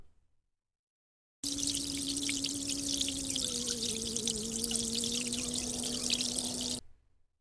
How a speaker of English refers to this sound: He'll wash his hands first.